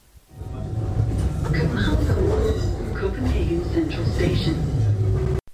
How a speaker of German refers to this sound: Als ich am nächsten Morgen dann in Kopenhagen Süd ankomme, nehme ich erstmal die S-Bahn, um zum Hauptbahnhof zu kommen.